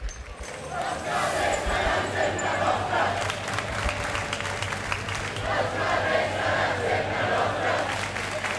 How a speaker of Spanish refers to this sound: Vamos a escuchar lo que están gritando estos manifestantes.